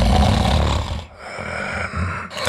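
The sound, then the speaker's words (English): Loud, rasping human snoring: a long rumbling snore, a brief pause, then another throaty snore that trails off, with no talking. “Don't ignore the snore.”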